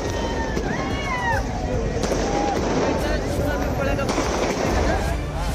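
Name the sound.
fireworks bursting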